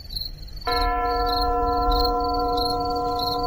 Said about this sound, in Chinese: 陈独秀听见了远处传来的隐隐约约的钟声，不知是教堂的钟声，还是自己的幻觉。